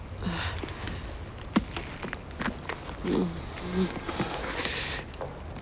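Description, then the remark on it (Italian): A bunch of car keys jangles in quick metallic clinks as a woman hands them over, with a few brief murmured voices and faint outdoor background noise. “Signora, è la cosa migliore, mi dia le chiavi.”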